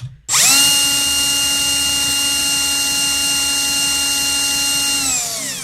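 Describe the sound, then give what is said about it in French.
A power drill spins up sharply and runs at a steady, high-pitched whine for about five seconds, then winds down briefly at the end. Loud, with no voices. “Une perceuse. C'est le mot que je cherchais.”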